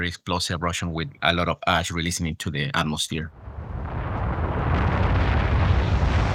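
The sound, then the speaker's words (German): A voice speaks briefly, then an explosive volcanic eruption, driven by water dissolved in magma turning rapidly to steam and ejecting a lot of ash, takes over: a loud, sustained, deep roaring rumble with a turbulent hiss that swells and continues steadily to the end. “Starke Explosionen, bei denen eine Menge Asche ausgeworfen wird.”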